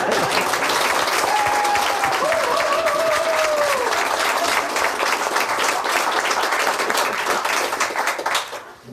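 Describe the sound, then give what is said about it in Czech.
Loud, sustained applause from a large crowd at a live event in Šemánovice, dense clapping filling the whole stretch with a brief whistle-like tone rising over it early on, then fading out at the very end. “Přesto sklidíte bouřlivý potlesk.”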